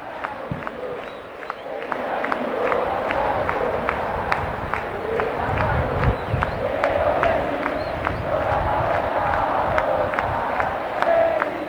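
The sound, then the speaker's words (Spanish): A dense stadium crowd of Argentine football fans roars and chants continuously, a loud sustained wall of voices with sharp rhythmic claps or drum hits punctuating it throughout. “Bueno, escuchen a los hinchas argentinos, ¿eh?”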